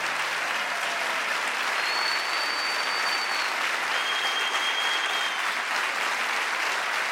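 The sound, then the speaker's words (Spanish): Loud, dense audience applause for the accompanying musicians rolls on steadily for about seven seconds, a thick wash of many hands clapping, with a couple of faint high whistles rising above it. “Un aplauso muy fuerte, por favor, para los músicos que nos han acompañado.”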